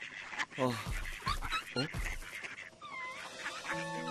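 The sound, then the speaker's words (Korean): A few loud, nasal duck calls ring out in quick bursts, followed by thinner, high chirping tones that trail off softly, as a mother duck keeps a lost chick warm in a reed bed. “엄마 오리가 병아리를 따뜻하게 품어주고 있었어.”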